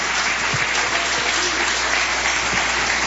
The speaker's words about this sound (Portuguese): Toda a igreja com a mão levantada aos céus. Vamos receber o servo do Senhor aplaudindo e glorificando a Jesus. Palmas para Jesus.